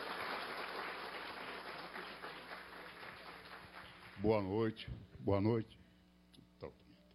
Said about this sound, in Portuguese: Seja bem-vindo, a salva de palmas é para você